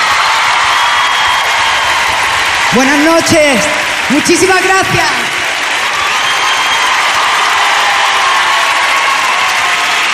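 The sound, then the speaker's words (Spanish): Steady, dense audience applause for a singer at a show in London fills the whole recording, with a faint crowd murmur in it. A voice speaks a short greeting and thanks over the clapping partway through. “Fuerte el aplauso para ….”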